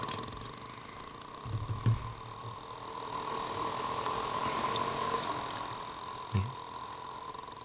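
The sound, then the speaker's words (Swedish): Sperm whale clicks: a few sharp, low thumping clicks spaced seconds apart, rising out of a constant loud hiss and steady hum, with no voices. “Vi lyssnar så här låter valarnas språk.”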